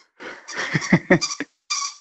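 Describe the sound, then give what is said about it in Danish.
A small dog's squeaky toy squeals in a quick, uneven string of high-pitched squeaks, then pauses briefly before one longer, steady squeak. No one speaks. “Åh, det er en lille hund, der har et pivedyr.”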